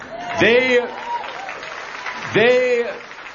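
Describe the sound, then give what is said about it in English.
A large crowd at a political rally at Baylor University in Texas applauds steadily while two loud whooping cheers rise above the clapping, one near the start and another toward the end. “They are terrified of crowds like this at Baylor University.”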